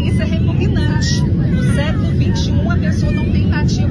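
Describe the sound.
A steady, loud low-frequency drone of airplane cabin noise during flight fills the background, with several people talking and murmuring over it throughout.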